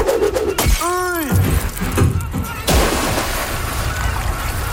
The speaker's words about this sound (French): la bouteille de champagne qu'on casse sur la coque pour inaugurer le bateau. Je baptise maintenant ce bateau RMS Titanic.